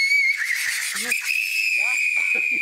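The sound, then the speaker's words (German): A tea kettle whistles as liquid nitrogen poured into it boils wildly, with a steady, piercing high tone that holds throughout, shifting slightly in pitch midway, while a man's voice speaks briefly underneath. “für den habe ich den Teekessel-Test dabei. So, ich kipp hier mal ein bisschen was rein in diesen Teekessel.”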